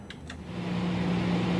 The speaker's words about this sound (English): Until then, I'm going to play the smooth hum of some data center white noise.